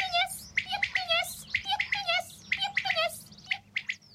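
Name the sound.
common quail calling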